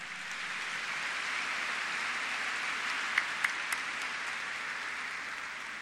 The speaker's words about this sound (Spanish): Muchísimas gracias a cada uno de ellos. Un fuerte y caluroso aplauso.